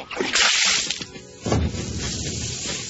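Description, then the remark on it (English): A bucket of bath water is thrown onto a TV to put out a fire, with a loud whooshing splash that lasts about half a second, then a second heavier slosh follows, trailing off into a dripping, hissing wash. “He threw the water on the TV and all the lights went out in the house.”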